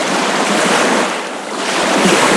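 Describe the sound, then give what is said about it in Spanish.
Steady wash of waves on the Mar Menor lagoon shore, field-recorded outdoors last weekend, with a continuous hiss of water that eases briefly midway before swelling again; no voices. “Esto que están escuchando es una pequeña muestra de uno de los paisajes sonoros que el colectivo Chico Trópico está empezando a construir”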